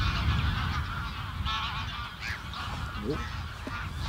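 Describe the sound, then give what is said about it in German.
A large flock of greylag geese, estimated at about 500 during a bird count, calls continuously, overlapping honks and nasal cries forming a dense, steady chorus over a low rumbling background, with occasional higher yelps standing out. “Man sieht auch bei jeder Vogelzählung mal was Besonderes”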